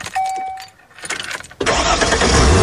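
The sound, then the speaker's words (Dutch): A D-car motorhome engine starts: a brief chime and jingling keys, a few seconds of cranking, then the engine catches and roars into a loud, steady idle. “Misschien start jij binnenkort wel de motor. Van die mobielhome, die motorhome.”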